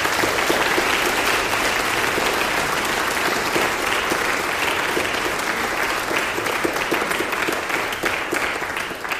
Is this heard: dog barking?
no